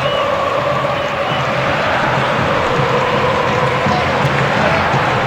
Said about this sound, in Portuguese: quase 45, está terminando o jogo, ouça a torcida aqui na arena.